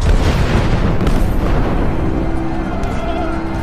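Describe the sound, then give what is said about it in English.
Artillery guns thunder all around a gathering of the Allied High Command in a dense, continuous rumble of overlapping booms, loud and steady throughout, with a faint tonal hum rising beneath the roar near the end. “I suppose that it rarely happens that such a distinguished gathering should so meet under such stirring surroundings, with the guns thundering all around.”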